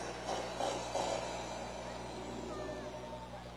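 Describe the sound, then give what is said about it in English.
The engine of a pearly black Mustang GT runs steadily at a car show, a constant low rumble mixed with broad outdoor noise, holding an even loudness throughout with no clear revving. “Nice pearly black Mustang GT. That's right. Sounds good.”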